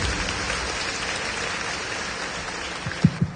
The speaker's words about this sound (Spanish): Hermanos, vamos a pedir también en esta Santa Misa por los niños de la comunión, la primera confesión y comunión solemne. Damos fuertes aplausos también a estos niños.